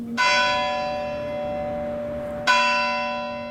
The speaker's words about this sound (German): Nach dem Glockenschlag zur vollen Stunde wirkt die Stille noch stiller.